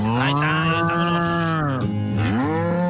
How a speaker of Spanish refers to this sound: Vamos a poner efecto de vacas, a ver, vamos a poner las vacas y el corral.